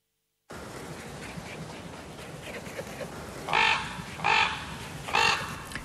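Three hoarse, croaking raven calls ring out one after another near the end, fairly loud, over a steady hiss of outdoor ambience.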